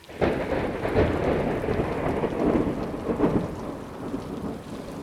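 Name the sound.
thunderstorm with rain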